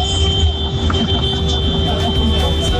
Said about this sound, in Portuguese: Vai, buzina aí, pô. Ah, já que você quer buzinar, tem com nós mesmo, hein? Vai. Aqui buzinando. Valeu, parceiro. Aquele abraço. Chama buzina, caminhoneiro, forte abraço. Tudo de bom. Buzina mesmo, vai.